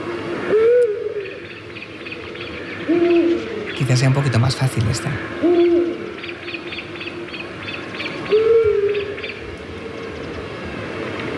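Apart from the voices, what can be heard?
eurasian scops owl calling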